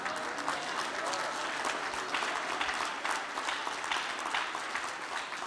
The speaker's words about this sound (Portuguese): Que Deus abençoe. Dê um aplauso para o Senhor.